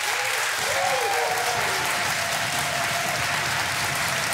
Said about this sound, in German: So, und jetzt habt mal einen großen Applaus für unsere beiden Studiokandidaten. Moin, ihr beiden.